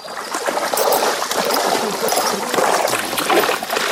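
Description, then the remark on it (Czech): A steady hiss of water spraying and splattering continuously, fairly loud, with an uneven, rushing texture throughout, as a horse named Frenk is showered with water to cool off in the heat. “Tady máme třeba Frenka a ten miluje vodu, takže ten nám tady i chvilku postojí a nechá se osprchovat.”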